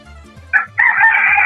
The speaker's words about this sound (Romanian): Da, hai, a asta a fost cel mai tare. Cel mai tare a fost cocoșul care ne-a cântat în difuzoare în acest moment.